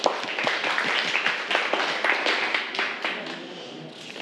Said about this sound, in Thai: ปรบมือเพื่อนด้วยครับ